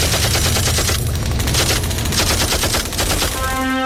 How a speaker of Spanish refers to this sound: Ellos nos van a disparar con todo el armamento que tienen. Y nosotros también.